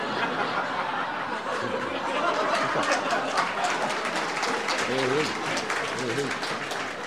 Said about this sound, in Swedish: Tack så hjärtligt för den applåden.